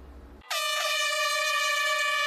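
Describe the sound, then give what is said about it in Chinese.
A single loud, sustained air horn blast signals the 9 a.m. start of a science orienteering challenge race at the Nan'an Ecological Park in Jinjiang, China. It begins abruptly after a brief moment of low background noise and holds steady, bright and piercing, to the end. “5月30号上午9点，随着一声鸣笛，科普定向挑战赛正式开跑。”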